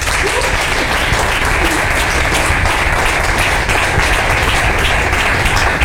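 A crowd applauds steadily to welcome a newly introduced colleague, dense overlapping clapping that stays loud and even throughout, with no voices rising above it.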